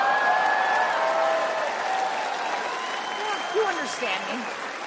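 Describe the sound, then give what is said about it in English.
Steady, dense applause from the audience at a live show, holding at an even level for about five seconds, with faint cheers and murmured voices mixed into the clapping. “They're like, we are clapping, but we have no idea what football is.”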